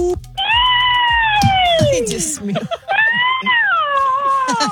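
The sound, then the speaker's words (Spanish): A person's voice attempts a witch's screech for a haunted house audition, which comes out like a cat's yowl: two long, loud, wavering wails that slide downward in pitch. “Poco más bruja, menos gato.”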